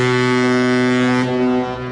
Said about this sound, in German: Wenn am Hafen von Barcelona die Symphony of the Seas oder einer der anderen Ozeanriesen anlegt, hört sich das so an.